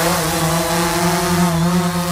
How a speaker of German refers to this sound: So könnte sich das anhören. Da fliegen nämlich einige Drohnen hin und her und einige Radio Essen-Hörerinnen und Hörer haben uns gefragt, was es damit auf sich hat.